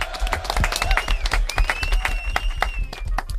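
A burst of applause from a group for those who gave a well-done explanation, with many quick overlapping claps sustained steadily throughout, plus a faint high whistle-like tone running underneath.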